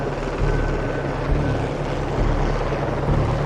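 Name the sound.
helicopter flying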